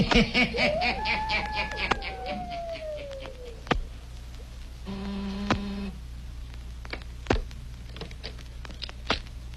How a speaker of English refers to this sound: He waits a few seconds. He presses the buzzer again. Listen.